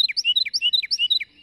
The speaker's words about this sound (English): well, it certainly doesn't to the crafty, adaptable Carolina wren. Their many offspring appear, as if by magic, from the unlikeliest of places.